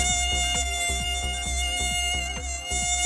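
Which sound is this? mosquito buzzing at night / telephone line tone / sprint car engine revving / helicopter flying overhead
mosquito buzzing at night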